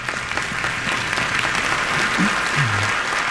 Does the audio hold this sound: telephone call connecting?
no